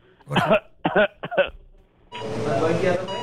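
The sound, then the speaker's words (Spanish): Three short, voiced coughs in a quick row, fairly loud, then a pause and a longer, rough, raspy hacking cough that drags on to the end. “Iba muy malo de la tos. Y le dice la doctora, a ver, tosa.”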